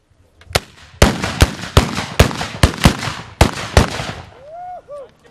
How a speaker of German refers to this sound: Doch im Zentrum stand natürlich das Böllerschießen.